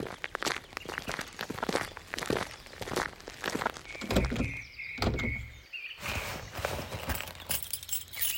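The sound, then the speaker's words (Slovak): A burst of metallic clicks and rattles, like a key working a lock, followed by a door creaking open with a long squeaky hinge and a soft thump. “Tada, tu je kľúč. Sesam, otvori sa.”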